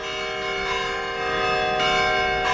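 Church bells ring out loudly and continuously, with new strikes landing roughly every second over a sustained, shimmering wash of overlapping tones; no voices are present.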